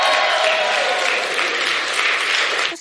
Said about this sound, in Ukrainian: Насамперед хочу сказати, що виступаю тут вперше. Ваші оплески для мене мають неабияке значення. Це щиро.